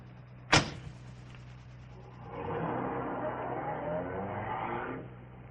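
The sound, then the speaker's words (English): A car door slams shut once, then after a short pause an engine starts up and runs with a steady rumble for a few seconds before stopping. “The car's right here.”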